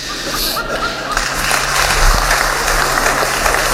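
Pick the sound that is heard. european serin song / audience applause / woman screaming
audience applause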